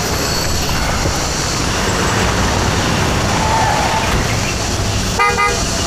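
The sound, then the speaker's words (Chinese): A police car pulls up amid a steady, loud roar of engine and road noise, with a short, sharp horn toot sounding near the end. No one speaks. “还来警车了。”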